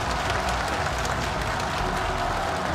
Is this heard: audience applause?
yes